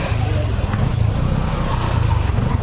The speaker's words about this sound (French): Sur ce axe, se déplacer relève du parcours du combattant, surtout au niveau du rond-point Sika au quartier Benzvi. Entre les nids de poules et les flaques d'eau, véhicules, motos, pousse-pousse et piétons peinent à circuler.